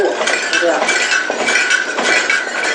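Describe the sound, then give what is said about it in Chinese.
A saddle used as a sound-effect prop for dubbing old films is shaken, jingling and rattling in steady, rhythmic bursts about twice a second, bright metallic clinks imitating the sound of a horse-drawn carriage. “对面的马鞍摇动它呢，是马车的声音。”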